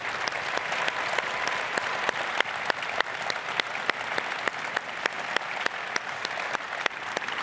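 A large crowd claps continuously in a standing ovation for a swimming athlete, a steady, dense wash of applause with sharp individual claps standing out, sustained at even loudness for the whole stretch and no voices heard.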